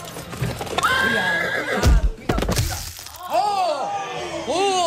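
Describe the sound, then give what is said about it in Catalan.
Hooves clip-clop as a horse lets out loud, shrill whinnies. A couple of sharp, heavy thuds sound partway through, and several rising-and-falling neighs follow near the end. “Després de tot el sidral, els nuvis se'n van del palau i a mig trajecte, un dels conductors dels carruatge se li entortolliguen les regnes dels cavalls.”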